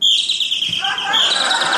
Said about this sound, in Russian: Птички! У нас птички